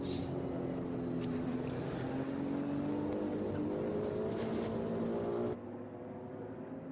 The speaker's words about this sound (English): different noise to enjoy from the Ferrari 296 Evo, a different package of Ferrari this year. Just double checking that is actually the Evo. Yes, it is.